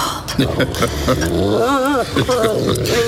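A dog growls, a loud, continuous low snarling rumble that swells into a rising and falling throaty tone midway through the three seconds.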